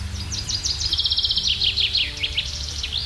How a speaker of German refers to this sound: Da zwitschern sie, die Vögelchen, und das auch relativ laut. Teilweise machen sie uns sogar wach, wenn wir unser Fenster gekippt oder gar offen haben über Nacht, um nicht irgendwo in der tiefsten Wärme schlafen zu müssen.